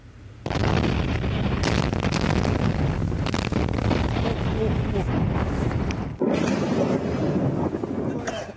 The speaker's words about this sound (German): Aufnahmen der nächtlichen Angriffe werden in den sozialen Netzwerken verbreitet. Die Explosionen und der darauf folgende Brand wurden im Hafen auf einer der iranischen Inseln gefilmt.